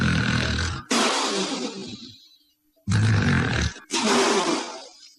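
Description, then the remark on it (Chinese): A voice imitates a drunk sleeping man's loud, thunder-like snores in two pairs of harsh, rasping bursts, each inhale followed by a breathy blowing exhale. It is forceful, with no talking. “打的那个呼噜像雷声一样。这叫吹破天的呼噜，为什么呼噜后边带吹气儿的？”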